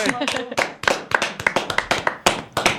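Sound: small group applauding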